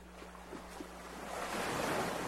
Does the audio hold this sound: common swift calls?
no